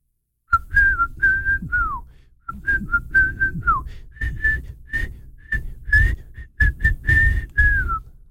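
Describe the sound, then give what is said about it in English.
A person whistles a catchy pop melody for others to guess the song, a quick run of short, clear notes with a few downward slides, pausing briefly before carrying on with the tune. “See if you can guess this song. Okay, yeah, guess the whistle.”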